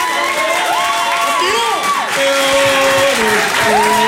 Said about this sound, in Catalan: Heu rebut amb un aplaudiment justet, pel meu gust, el que és, ho heu sentit bé, aquest senyor ha sigut 4 vegades campió del món, eh? Bravo. Feu un aplaudiment.